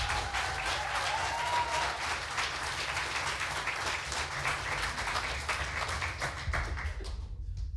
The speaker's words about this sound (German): Er kommt aus Husum, heißt ihn bitte herzlich willkommen mit einem 10-Punkte-Applaus.